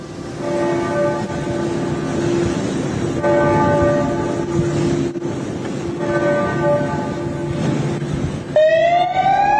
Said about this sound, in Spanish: Amb aquesta sirena acabava el minut de silenci d'aquest migdia a la plaça Sant Jaume pel nou feminicidi a Catalunya, que va ser dimarts a Barcelona.